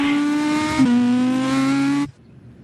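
A rally car driven by Jean-Louis Schlesser accelerates away from the start, its engine roaring loudly with a steady, buzzing pitch. It dips briefly as if shifting gear, then holds for about two seconds before cutting off abruptly. No one speaks.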